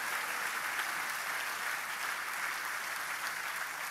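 An audience claps steadily for several seconds as praise offered to God, a dense, continuous wash of many hands applauding together with no pauses, fairly loud and evenly sustained throughout.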